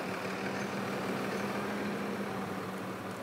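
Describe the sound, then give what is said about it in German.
A tractor engine idles steadily, hitched to a bale trailer that holds 28 bales, about 26 tonnes together with the tractor; a constant low rumbling drone with a humming tone that holds even throughout, with no voices. “28 Ballen passen auf den Hänger. Macht zusammen mit dem Trecker etwa 26 Tonnen.”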